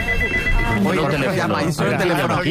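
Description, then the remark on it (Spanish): A telephone rings at 6 in the morning with a steady, high electronic trill that continues through the whole moment, fairly prominent, while people talk over it. “Sorprendido que sonara un teléfono a las 6 de la mañana.”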